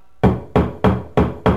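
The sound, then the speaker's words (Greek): Five firm knocks on a door at a steady, even pace, loud with a hollow wooden thump, each one ringing briefly before the next. “Μπορείς να χτυπήσεις την πόρτα σε ένα ηλεκτρονικό κατάστημα.”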